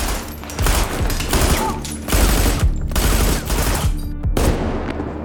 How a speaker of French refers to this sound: Les sept meurtriers tirent frénétiquement plus de 300 coups de feu.